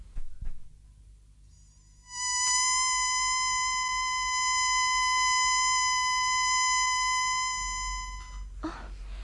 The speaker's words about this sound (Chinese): 好，等我发出紧急口哨，召佢哋翻嚟，大家集中埋一齐比较好啲。